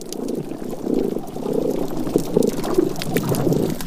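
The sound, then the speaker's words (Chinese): Underwater damselfish calls on a coral reef, made to defend territory: a series of low, pulsed grunting bursts repeating every half second or so, moderately loud over a steady bubbling, watery background hiss. “一些雀雕会发出声音保卫领地。”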